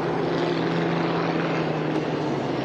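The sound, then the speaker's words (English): A propeller plane flown by Brian roars steadily overhead in a low pass over the water with its smoke system on, its engine drone loud with a sustained low hum and broad rushing noise throughout. “All right, we're getting another pass here.”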